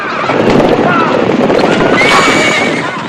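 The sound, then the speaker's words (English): Several horses whinny and neigh loudly over a dense, continuous rumble of hooves and commotion as the frightened herd, scared off with a whip, bolts out of an enclosure through its narrow exit in a wild frenzy, with no speech. “hurries over to the enclosure, kicks away the poles that bar the narrow exit, and scares away the horses who bolt out of the enclosure in a wild frenzy.”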